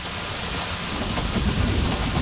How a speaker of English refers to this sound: We're pedaling to look, to find, what can we find? This storm is right on our tails.